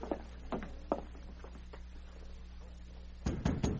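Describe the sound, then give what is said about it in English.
Knocking on a wooden cabin door at dawn: a few scattered soft raps, a pause, then a quick burst of three or four loud, sharp knocks over a low steady hum, with no voices. “It was dawn of the following day when Glenn White got up to answer a knock on the cabin door.”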